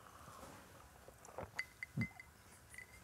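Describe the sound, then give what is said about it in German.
Glasses clink together in a toast, a few light taps with thin, brief ringing tones, fairly quiet, with no one speaking. “Mama, ne? Komm. Prost.”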